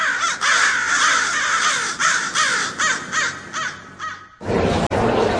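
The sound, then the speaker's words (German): Several crows caw loudly in a rapid, overlapping series of harsh calls for about four seconds, ending abruptly in a burst of noise. “Repräsentative Umfragen haben ergeben, 95,9% der Hallenser Krähenpopulation empfehlen Radio Korax.”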